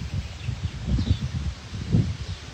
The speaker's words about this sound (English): So, all right, I'm gonna head back inside. It's starting to kind of pick up and get a little windy.